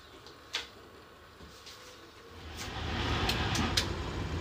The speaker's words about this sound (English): But there's a problem. The engine won't idle properly.